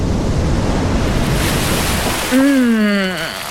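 A loud, rushing breathy whoosh as a whale exhales air from its lungs through two blowholes on top of its head, sending a huge jet of water up from the sea surface, followed by a low, wavering tonal moan that slides downward and fades.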